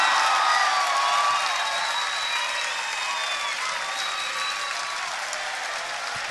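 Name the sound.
audience applause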